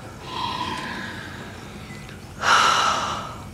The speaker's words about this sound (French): Oh, on ne dit pas non à un whisky japonais tourbé. Reniflez-moi ça.